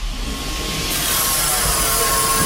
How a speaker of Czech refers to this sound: 2,5 metru za sekundu. Taková je rychlost výtahu,